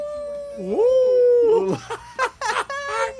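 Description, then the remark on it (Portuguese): A single long wolf howl rises and holds steady for about a second and a half, loud, then breaks off into several short, harsh, choppy bursts. “Deus, não bote, olha, não vá botar o lobo, não bote o lobo, viu?”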